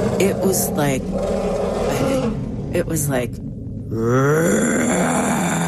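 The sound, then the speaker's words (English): A person speaks briefly, then loudly mimics an elephant's roar with their voice: a sustained, strained bellowing cry with a rising, wavering pitch that carries to the end. “And in that silence, out of the forest to my right, came this roar. I have never, ever, I didn't even know that elephants could make this sound.”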